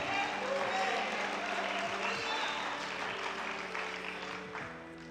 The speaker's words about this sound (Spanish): Den un aplauso al Señor Jesucristo.